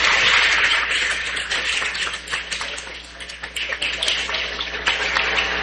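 A crowd applauds in gratitude to sponsors, steadily for several seconds, a dense, bright crackle of many hands clapping at once, holding a fairly even level with small swells and dips, and no voices.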